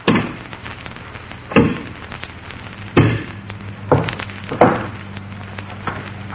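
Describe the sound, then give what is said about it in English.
A 6-inch wooden log is snapped in half by hand: about five sharp, loud cracks and splintering snaps at irregular intervals, with a low steady hum underneath and no talking. “6-inch log, and he's breaking it with his hands.”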